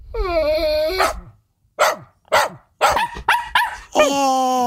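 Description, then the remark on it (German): A dog barks and whines, starting with a long high-pitched whine, then several short sharp barks in quick bursts, ending with another drawn-out whine. “Oh, es geht um Hunde.”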